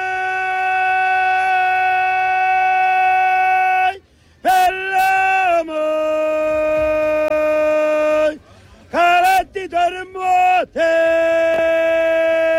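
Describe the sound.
A loud, drawn-out shouted street vendor cry, voiced by a person imitating it in long held notes, broken by short pauses and a few quick bursts before the final sustained call.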